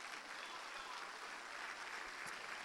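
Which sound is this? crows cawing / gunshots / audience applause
audience applause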